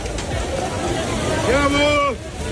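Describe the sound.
Heavy hail pelts down in a loud, dense, steady clatter over a crowd's agitated hubbub at an outdoor concert in Milan on a Saturday evening, a hailstorm that abruptly ended the concert, and one voice lets out a sustained, rising shout near the end.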